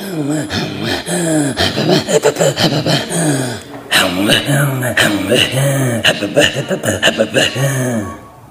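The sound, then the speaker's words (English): Two Inuit voices trade rhythmic, guttural throat-singing pulses in a duet, with breathy rasps and wavering pitch in a steady back-and-forth pattern that continues without pause. “Throat singing comes from our voice, our throat, and our breathing.”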